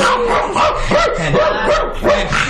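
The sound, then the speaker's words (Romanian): A dog barks loudly and insistently, a rapid string of sharp barks with some higher, whiny yips mixed in, filling the whole moment without pause. “Prietenul câine. Tamerlan, isi. Câști nepreseit, prieten. Sprăvește, isi sprăvește odată că m-ai asurzit.”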